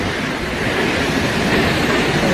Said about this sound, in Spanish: Son 222 metros de caída en un circo de piedra fabuloso. El sitio en sí ya es espectacular, pero claro, si ves caer esa cola de caballo, esa cola de agua, pues más todavía. Bueno, es que mira cómo suena.